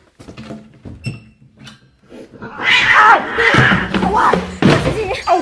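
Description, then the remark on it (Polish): A cat yowls loudly and insistently in drawn-out, wavering wails that fill the second half, preceded by a few scattered thumps and knocks from what sounds like a door or cupboard. “Puszczaj go! Zostaw kota, bydlego!”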